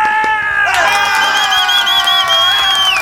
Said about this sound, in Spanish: Entonces, bueno, hizo un buen trabajo, se esforzaron y un aplauso para los muchachos. Claro, eso. Sí, un aplauso, se lo merecen.